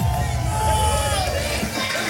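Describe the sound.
A large crowd applauds and cheers loudly, a dense, steady wash of clapping and shouting voices that holds at full strength for a couple of seconds.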